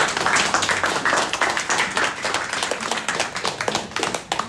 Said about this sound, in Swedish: En applåd för dem.